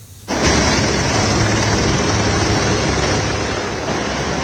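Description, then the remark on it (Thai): A helicopter ferrying rescue teams to the entrance of a hydropower plant tunnel in Rasuwa district, northern Nepal, roars with a loud, steady whooshing drone and a low rotor hum that begins abruptly and holds throughout, with no voices. “เฮลิคอปเตอร์ทยอยนำทีมกู้ภัยมาส่งที่ด้านหน้าปากอุโมงค์โรงไฟฟ้าพลังงานน้ำในเขตราสุวาทางตอนเหนือของเนปาลเพื่อเข้าไปค้นหาผู้ประสบภัยที่อาจติดค้างอยู่ภายในอุโมงค์นะคะ”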